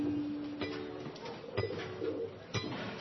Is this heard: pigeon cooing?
yes